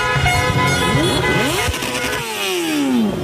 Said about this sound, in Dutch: Het was heel rustig op straat tijdens de wedstrijd. Maar meteen na het eindsignaal komen overal mensen naar beneden de straat op. En begint het gigantische toeterconcert in Amsterdam-West.